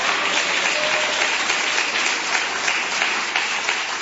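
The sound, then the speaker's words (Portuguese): A crowd claps hands loudly and steadily for the Lord Jesus, a dense unbroken wash of many overlapping claps with no one speaking over it. “Bate as palmas bem forte pro Senhor Jesus.”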